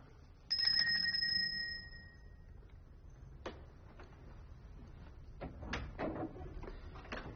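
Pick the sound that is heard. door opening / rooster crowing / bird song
door opening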